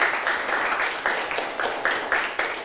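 A small group claps together in a steady burst of applause, fairly close and lively, with overlapping hand claps filling a roomy indoor space and no one talking.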